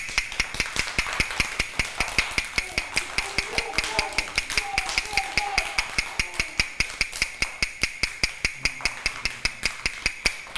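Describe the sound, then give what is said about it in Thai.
A teacher taps a fast rhythm for children in a rhythm lesson: rapid, steady tapping runs the whole way through, a quick even stream of sharp knocks with faint voices murmuring underneath. “คือจังหวะอะไรคะเด็กๆจังหวะเร็ว”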